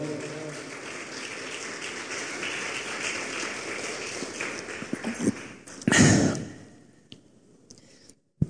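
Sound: audience applauding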